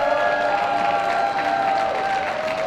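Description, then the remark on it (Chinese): Sustained applause from supporters standing in the public gallery of the UN General Assembly hall as Israeli Prime Minister Netanyahu speaks, dense and steady for the whole stretch, with faint cheering, slogans chanted in Hebrew and murmuring voices blended into the clapping. “数十名代表退场以示抗议，部分人发出嘘声，旁听席的支持者起立鼓掌，用希伯来语高呼口号声援，会议主席则高声维持秩序。”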